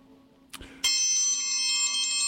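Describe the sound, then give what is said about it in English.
A metal triangle is struck once after a faint tap, then rings out loud and bright with a long, shimmering sustain that hangs on steadily to the end, with no talking. “What we're doing is we're exercising our triangle ringing abilities.”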